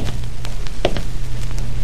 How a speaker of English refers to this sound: The truck pulled away. I waited. Then I heard the steps.